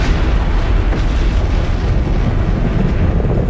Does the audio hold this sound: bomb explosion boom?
yes